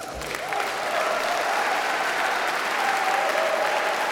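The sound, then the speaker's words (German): Sustained audience applause at a live album recording in the Rijksmuseum in Amsterdam, a dense steady wash of many hands clapping at an even, loud level for several seconds with no voices standing out. “Ja, Publikum war offenbar auch vor Ort im Rijksmuseum Amsterdam.”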